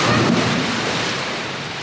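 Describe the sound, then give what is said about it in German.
A loud splash as a girl jumps from the tip of a three-metre springboard, arms stretched along her body, and plunges feet-first into pool water, with a rush of churning, foamy water that fades slightly over about two seconds. “Ihre Arme sind an ihrem Körper. gestreckt und mit beiden Füßen voran taucht sie ins Wasser.”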